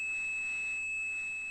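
A steady, high-pitched 2600 hertz telephone switching tone, used by switching systems to signal that a call had ended, holds without a break, a pure electronic whine at constant loudness with no voices or other sounds around it.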